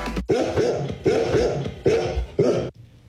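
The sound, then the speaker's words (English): Golden retrievers barking, four loud, full-throated barks in a steady rhythm about half a second apart, with no talking around them. “I cannot believe you spent our entire life savings on dogs. They're golden retrievers”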